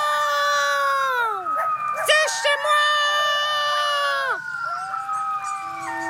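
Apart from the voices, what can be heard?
coyote howling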